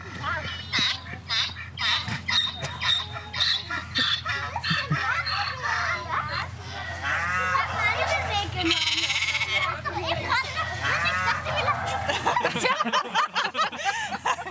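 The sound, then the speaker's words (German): A run of farm animal calls, a donkey, a rooster, bleating sheep and a cow, loud and layered over one another in quick succession for the whole stretch, played as an animal-sound code clue in a puzzle game on a farm. “Der Code für Schloss ist Eselhahn, Schafkuh, was auch immer das heißt. Oh nee. Und Tierstimmen zählen.”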